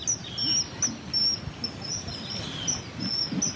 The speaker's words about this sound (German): Sie holt aus ihrem Rucksack eine Bluetooth-Box hervor und stellt sie vorsichtig an einen Baumstamm, der über das Wasser ragt. Sie spielt über die Box das Zwitschern des Eisvogels ab. Dieser soll ihn anlocken.